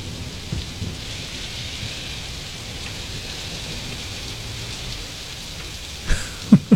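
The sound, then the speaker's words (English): Steady, even rainfall hisses throughout, moderately loud, with a faint low rumble early on and a few brief knocks near the end. “It stopped raining yet.”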